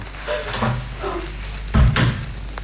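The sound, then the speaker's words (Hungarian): A bedroom door is pushed shut with a soft creak and a low thud near the end, with faint background hum. “Becsukom a szobája ajtaját, nehogy felébressz a beszédünk.”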